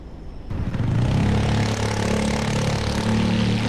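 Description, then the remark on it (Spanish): Dense road traffic rumbles steadily after a brief quiet start, with engines droning and revving together as vehicles stream past at the busy San Jorge roundabout on Avenida Navarra at the entrance to Iruña, where about 40,000 vehicles pass each day. “Aquí estoy en la rotonda de San Jorge, a la entrada de Iruña, en la avenida Navarra, y por aquí pasan 40.000 coches, vehículos al día.”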